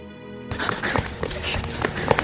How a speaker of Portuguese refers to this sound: Uêêê! O cavalo mais rápido do mundo! Ninguém veste de mim!